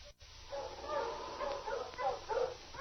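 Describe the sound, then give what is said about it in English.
A pack of sled dogs increases its pace and yelps eagerly, with quick high-pitched cries overlapping in an uneven, continuous stream at moderate volume. No one speaks. “The sled dogs increased their pace and yelped with eagerness as 2 days later, Bob and Bill neared home.”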